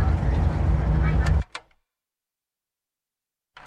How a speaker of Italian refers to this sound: Allora, siamo da quasi 5 ore nel pullman da Kumasi per Accra, siamo in periferia della grande Accra e qui il traffico è tutto bloccato, no? Sì, tutto bloccato, macchine che vanno in ogni senso di marcia, senza rispettare.